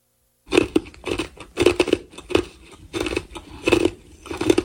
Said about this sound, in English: I'm making a video of you chewing ice. Chomped ice feels so soothing. But it has to be chomped. Like you have to chew on it? You have to chew on it?